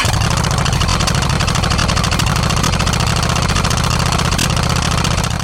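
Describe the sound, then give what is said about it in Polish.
A motorcycle engine runs steadily, a loud, continuous low throbbing rumble with a rhythmic pulse, heard alone without any talking. “Ten dźwięk na początku naszej audycji nie jest przypadkowy.”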